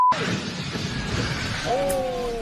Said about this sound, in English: Five people were killed, five others injured after the plane overran the runway, crossed a busy road, and crashed into multiple vehicles. Witnesses capture the terrifying moment.